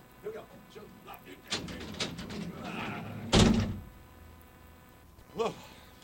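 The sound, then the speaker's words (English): A big, heavy studio door swings open with a rumbling creak, then shuts with a loud, solid thud. Faint voices murmur around it. “I always forget where the big-ass door is, but you know what? It's always right there.”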